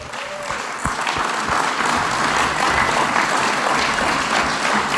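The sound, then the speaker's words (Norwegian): A crowd breaks into sustained applause, dense clapping that swells quickly and holds steady and loud for several seconds. “Skal vi se dem en klappa til at?”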